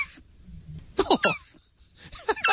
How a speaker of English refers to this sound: giving us the sound of a turtle